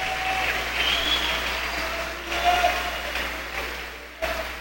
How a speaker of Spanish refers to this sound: Un aplauso para el Padre. Aleluya.